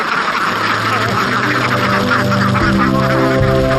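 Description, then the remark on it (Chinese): A large flock of trained egg-laying sheldrake ducks quacks and honks loudly and continuously, many overlapping calls forming a dense, clamorous chorus. “经过训练的麻鸭采食规律，产蛋率也高，一只鸭子一年能产300多。”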